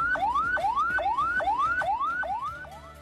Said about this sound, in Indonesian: Bunyi yang kedua artinya ambulans sedang membawa pasien yang tidak darurat.